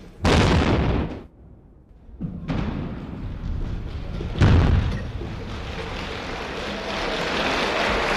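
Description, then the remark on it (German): The first explosive blast for a Swiss tunnel's construction, set off by the then Federal President: a loud, rumbling blast erupts and fades after about a second; moments later a crowd breaks into sustained applause, swelling once and continuing steadily to the end. “Anschließend ist es auch der damalige Bundespräsident, der die erste Sprengung auslöst, gefolgt von Applaus.”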